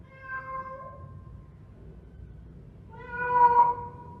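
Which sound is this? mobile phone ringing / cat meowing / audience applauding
cat meowing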